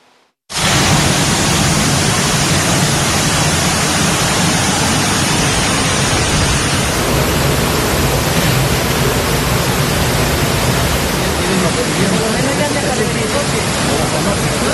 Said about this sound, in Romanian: Cu totul altfel e situația în Spania, unde în doar câteva ore ploile torențiale au blocat orașe întregi în estul și centrul țării. Au căzut peste 140 de litri de apă pe metru pătrat, iar viitura a năvălit în locuințe.